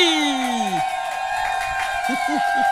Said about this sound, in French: On l'applaudit bien fort d'elle.